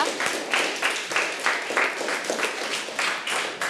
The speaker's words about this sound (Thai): ปรบมือให้เพื่อนทั้ง3กลุ่มเลยนะคะ